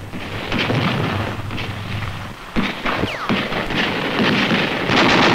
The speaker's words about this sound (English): More than 1,400 aircraft. Three 3,000 pieces of artillery blasted the enemy. In 2 days, the salient was smashed.